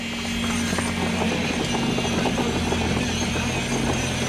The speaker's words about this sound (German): Es brummt in der Halle, weil der Lehm aus dem Mischer beim ersten Element mit Handrüttelflaschen in die Holzgitter eingebracht wird. Das sind dicke Metallstäbe, die elektrisch zum Vibrieren gebracht werden